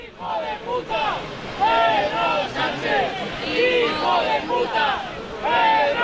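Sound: crowd chanting and booing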